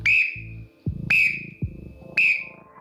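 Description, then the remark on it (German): Three sharp, shrill blasts from a small black trill whistle, blown by a sports trainer in his nineties during an interview, evenly spaced about a second apart, each ringing briefly before the next, over a low rhythmic background. “Dieser Pfiff da, das ist nicht irgendeine Pfeife, sondern es ist eine schwarze kleine Trillerpfeife, gepfiffen tatsächlich von meinem Opa selber.”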